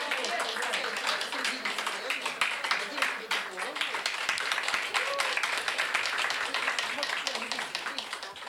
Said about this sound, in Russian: Под бурные аплодисменты.